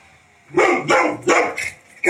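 A dog barks four times in quick succession in a yard, loud, with short gaps between the sharp barks and no one speaking.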